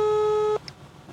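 A steady, mid-pitched telephone line tone with harmonic overtones, heard as a radio host places a call from the Radio Fru studio in Linz, holds for about half a second, then cuts off abruptly, leaving faint low background noise and a brief soft click.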